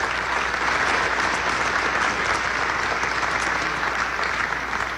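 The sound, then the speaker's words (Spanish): Sustained audience applause for the whole government cabinet at a Mexican government event attended by state governors, a dense and steady wash of many hands clapping at an even loudness for about five seconds, with no voices rising above it. “Un aplauso a todo el gabinete, es parte de estos grandes resultados.”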